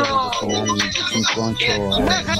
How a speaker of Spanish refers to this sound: Bájale el volumen a la radio, vos panita, que aquí no cuela el oído.